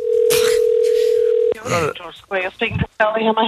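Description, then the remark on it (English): A steady, unbroken telephone tone hums loudly for about a second and a half on a call to a hotel to book a room, then cuts off as people begin talking. “I was just ringing up to see if I could book a room for a night or two.”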